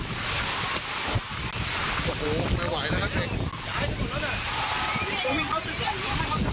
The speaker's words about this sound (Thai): นักเรียนก็ดึงเต็นท์กันไว้นี่โอ้จะปิวแล้วจะปิวแล้วคือกลัวว่าทุกอย่างเนี่ยจะพัดลอยไปตามลมครับ หนักเลยครับตอนนี้หนักครับพายุลมครับตอนนี้